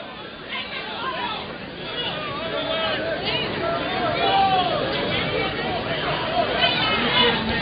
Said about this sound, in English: Kentucky crowd sounds a little bit upset now.